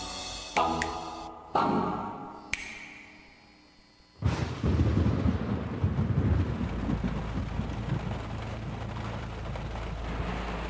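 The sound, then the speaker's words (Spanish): Three sharp thunder cracks each roll off into a fading rumble, then a torrential downpour bursts in and roars steadily to the end over a deep, low rumble. No one speaks. “La lluvia torrencial y las llantas en el fango.”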